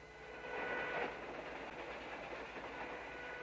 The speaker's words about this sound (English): Later, Rance to Halley riding in a train carriage.